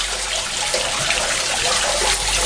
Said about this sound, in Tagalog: Ang mga kanal nga naa sa atong kadalanan, maoy hagbungan sa tubig, mauwan man o ang atong mga ginamit nga tubig sa kabalayan.